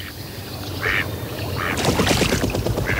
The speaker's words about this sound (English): Wow. Bit more action there. Something flying, and the quack, quack, quack is generally the male mallard.